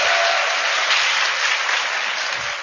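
Sustained applause from an audience at the close of a talk, a dense wash of many hands clapping at a steady, fairly loud level throughout, with no voices over it.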